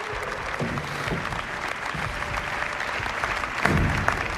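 A crowd in a chamber applauds steadily throughout, a dense, continuous patter of many hands clapping at moderate volume, swelling briefly louder near the end.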